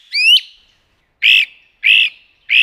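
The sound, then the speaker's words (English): A great crested flycatcher in a yard, the first of the season, gives loud, insistent calls: an upslurred whistled note followed by three harsh, buzzy calls repeated at steady intervals, clear with no talking. “It began on the 1st with a great-crested flycatcher.”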